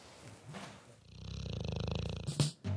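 A dog asleep in its basket snores softly, a steady rumbling purr-like rhythm of quick pulses, followed by a louder snort at the end.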